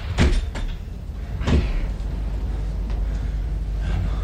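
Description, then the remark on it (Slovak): A door is shut: a sharp thud, then a second heavier bang about a second later, leaving a low rumbling background with no voices. “Rýchlo, zatvorte dvere!”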